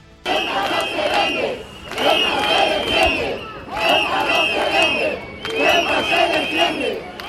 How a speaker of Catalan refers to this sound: Aquest és un dels càntics que han repetit durant la marxa fins al Tarajal, amb tot de banderes espanyoles i europees, a més de pancartes reclamant la protecció del territori de la ciutat autònoma i la dimissió del delegat del govern central.